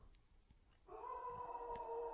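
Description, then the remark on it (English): A pet dog at home howls in a long, steady, high-pitched tone that starts abruptly after a quiet moment and holds loud through the end. “That was a howl.”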